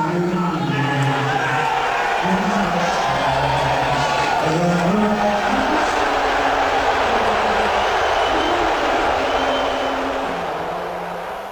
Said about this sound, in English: So there are some cheers in there. There are some, but you hear a guy yell, "Let's go Knicks," right in the middle of the national anthem, which was kind of wild to me.